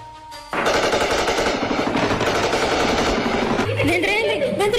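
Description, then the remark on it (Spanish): Sustained bursts of rapid automatic gunfire erupt after a brief quiet start, loud and continuous with sharp cracks overlapping, while voices shout faintly underneath near the end, during intense combat between army troops and FARC dissidents in Puerto Saldaña, Río Blanco, southern Tolima. “Tropas del ejército sostienen intensos combates con las disidencias de las FARC tras interceptar un dron explosivo en Río Blanco, esto en el sur del Tolima.”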